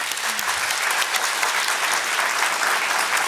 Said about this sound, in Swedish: Ni får glida av scenen i en applåd.